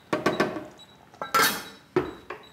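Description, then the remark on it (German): A lid is set onto a cooking pot of aubergine curry with browned meat cubes, left to simmer gently for half an hour: a few light metallic taps, then a louder ringing clank as it settles, followed by two softer clinks. No one speaks. “Wir machen den Deckel drauf und lassen es jetzt auf jeden Fall mal eine halbe Stunde leise schmurgeln.”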